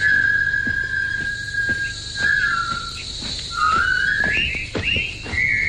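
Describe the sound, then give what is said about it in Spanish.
Several people whistle a brisk military march in clear melodic phrases, fairly loud, over a steady high chirping background like crickets. The march was composed by a military man in 1914 and used by director David Lean in a 1957 film. “No tienen armas ni libertad, pero con un silbido gritan su dignidad.”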